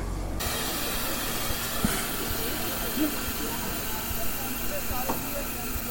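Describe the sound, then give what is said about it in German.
Steam hisses loudly and steadily for several seconds from the old steam locomotive 58 311, its cab full of people, over a low rumble. There are a few faint knocks and indistinct background voices, and no clear whistle tone stands out. “Und das war, glaube ich, der Achtungspfiff, den ich fahren will.”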